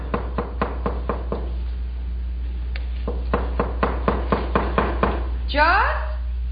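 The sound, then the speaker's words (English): A long run of sharp, firm knocks on a wooden cabin door, rapped in quick steady groups, then a brief rising creak or squeak at the end. “But one day in late March, we heard a rapping at our cabin door.”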